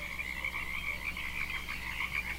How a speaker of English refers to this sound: I'm listening to the birds, the frogs. They sound pretty copacetic.